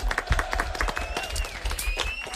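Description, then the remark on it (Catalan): A crowd applauds loudly and steadily, a dense wash of clapping running throughout, with some voices and faint whistle-like tones mixed in. “Fort aplaudiment, molt bé.”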